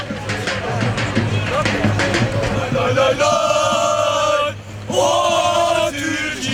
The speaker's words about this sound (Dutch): Je hoort hier al de fans op de achtergrond. Turkije, Turkije schreeuwen.